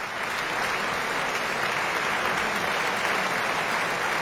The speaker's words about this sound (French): Et l'on retrouve encore quelques instants les applaudissements du public de Bâle.